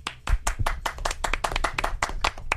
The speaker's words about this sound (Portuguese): Ô, parabéns! Não, uma salva de palmas.